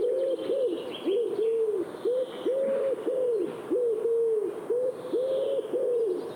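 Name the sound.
pigeons cooing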